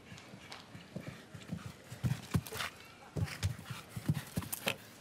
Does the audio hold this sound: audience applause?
no